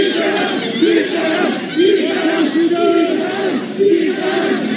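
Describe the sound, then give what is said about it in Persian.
A large crowd at the funeral procession of the leader of the revolution chants slogans in unison against Pezeshkian and Araghchi, such as "compromiser" and "death to the traitor", loud and continuous, with rhythmic rising and falling phrases repeating every second or so over a dense wash of many voices. “من توی اخبار امروز 3-4 تا فیلم دیدم از شعارهایی که مردم علیه آقای پزشکیان و عراقچی تو مراسم تشییع رهبر شهید انقلاب دادن، و حالا با حرفای مختلف، شعارهای مختلف مثل سازشگر و مرگ بر وطن فروش و بیشرف و اینها، در واقع کاری کردن که اونها مراسم رو ترک بکنن.”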